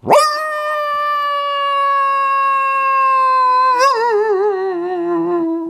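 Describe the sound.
A voice imitates a sad coyote howl, one long sustained tone that rises sharply, holds steady, then wavers and drops into a sagging, quavering end, loud with no other sound.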